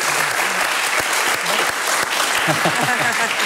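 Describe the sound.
Steady, dense applause from a crowd, loud and continuous throughout, with scattered voices and cheers mixed into the clapping.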